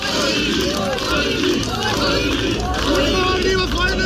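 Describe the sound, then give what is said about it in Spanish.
A dense crowd of many voices shouts and calls out together, loud, a continuous excited clamour with overlapping cries and no pauses. Supporters cheer far-right candidate Ulrich Siegmund as he arrives at his polling station on an old blue motorcycle. “El favorito en las encuestas, el que concentra todas las miradas, el ultraderechista Ulrich Siegmund, llegaba a su centro electoral en una motocicleta azul antigua, acompañado de su mujer y jaleado por su público.”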